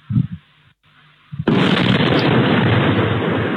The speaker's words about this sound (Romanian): În urma cercetărilor, pe un teren din apropierea satului Colonița, au fost depistate fragmentele unei drone. Explozia a fost auzită vineri dimineața în jurul orei 4:20 în zona de sud-vest a satului Colonița, spre direcția Tohatin.